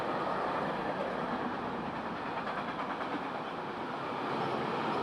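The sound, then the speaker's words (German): A long train covered in graffiti tags rolls steadily past through a station, a continuous loud rumble with a faint rhythmic clatter of wheels over the rails, sustained for the whole stretch with no voices. “Es ist jetzt ein längerer Zug, wie man hört.”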